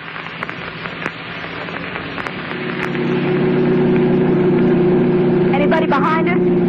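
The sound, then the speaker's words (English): A car engine drones steadily at about 90 with the accelerator only halfway down, its hum swelling louder and holding a sustained roar, with rushing road or wind noise and faint background clatter throughout. “Look, we're doing 90 and I only have it halfway to the floor.”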